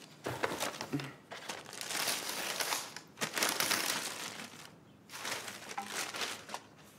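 Loud crinkling and rustling of wrapping paper being torn open from a birthday present, in three bursts of crackling separated by brief pauses, with no voices.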